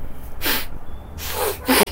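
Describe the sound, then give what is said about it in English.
Three short, breathy nasal sniffs in a row by a child, fairly loud, each a quick burst of air with brief quiet gaps between them; no talking. “Don't sniff, blow.”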